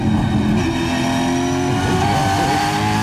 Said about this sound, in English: Now, this is a V8 supercar driven by Stephen Richards.